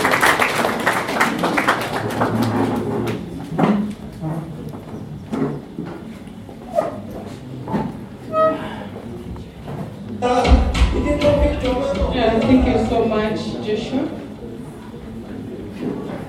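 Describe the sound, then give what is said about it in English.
An audience breaks into scattered, irregular applause welcoming the representative of the Principal Secretary, State Department for Justice, Human Rights and Constitutional Affairs, with individual claps standing out over a murmur of crowd voices; the clapping thins out as louder chatter and cheering voices take over. “Please maybe clap for her, she comes to you.”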